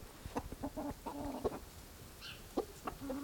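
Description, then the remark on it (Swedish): Soft, scattered clucking from hens and roosters pecking about after being let out of their coop, a series of short low murmuring calls at an easy, irregular pace with a faint higher chirp midway, no voices present. “så bara välde de ut hönorna och tupparna, och nu går de och pickar här försynt”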